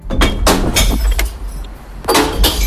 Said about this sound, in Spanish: Identificas este sonido, ¿no? Es el ruido, el sonido de las botellas de vidrio cayendo en el interior del contenedor de reciclaje, el verde.